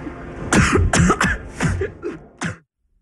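A person coughs in a rapid fit of about six harsh, raspy bursts, loud, with a faint background hum and no talking, in a scene from the film Spider-Man Brand New Day, directed by Destin Daniel Cretton.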